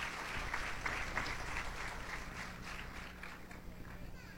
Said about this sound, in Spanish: aplauden a la voz de Paquito. Dios los bendiga.